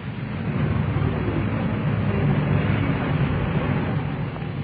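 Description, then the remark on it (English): A car drives home along steadily, its low engine rumble and road noise holding at an even, fairly loud level throughout, with no voices. “He drove home again.”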